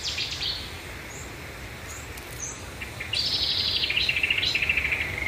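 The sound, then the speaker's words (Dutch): Cetti's warblers and marsh warblers sing near Natuurcentrum Arnhem before 3:30 in the morning, first softer and scattered, then a loud burst of rapid repeated phrases, over a steady low background of distant frogs croaking. “En daar hoort zij een geweldig concert van Setti-zanger, bosrietzanger en ook kikkers op de achtergrond.”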